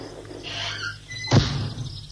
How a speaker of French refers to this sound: La porte. D'un air viril, il ferme la porte.